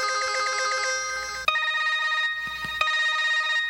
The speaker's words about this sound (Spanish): ¿y qué cosa es esa, chico? ¿En qué mundo estás tú, chamo? El celular.